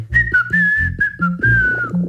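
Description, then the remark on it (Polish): A person whistles a short, wavering tune, several bright sustained notes sliding slightly in pitch, with soft rhythmic low thumps underneath and no talking. “Czyli gwizdanie to jest, można tak powiedzieć, wydawanie wysokiego i zwykle ostrego dźwięku.”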